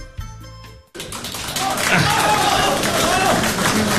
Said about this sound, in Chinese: 谢谢您的掌声啊！纪念一代宗师高凤山先生，伟大的艺术家。